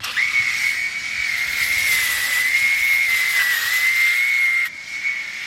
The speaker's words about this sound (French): Et vous pouvez constater que mes cheveux repoussent et repoussent et repoussent. Et tous les 3 jours, je m'arme de ma tondeuse et je les passe.